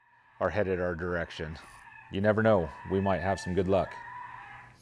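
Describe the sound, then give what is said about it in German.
A recorded rabbit distress call, played outdoors to see whether it attracts coyotes: loud, wavering, bleat-like squeals in several bursts, some long and quavering, others short, with brief gaps between them and no talking. “Man denke nur, was sie dem armen Hasen angetan haben, um das aufzunehmen.”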